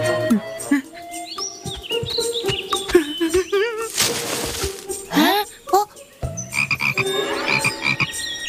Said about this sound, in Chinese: 原来是小青蛙呀。